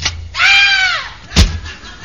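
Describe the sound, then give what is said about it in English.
An attic door creaks open with a drawn-out, high squealing groan of its hinges, then a single dull thud a moment later. Fairly loud, with no voices. “I made my way up to the attic and opened the door.”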